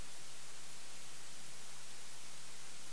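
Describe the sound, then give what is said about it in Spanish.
Heavy rain from a torrential downpour during a storm pours down in the Barcelona area, in a dense, unbroken hiss that stays steady for the whole stretch, with a faint low hum beneath it and no voices. “Sonido de la tromba de agua que ha”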